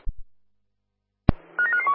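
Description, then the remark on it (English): A short burst of telephone dialing tones, several quick electronic beeps in succession, comes right after a sharp click, with a softer thump at the very start and no voices. “stand by for a phone call.”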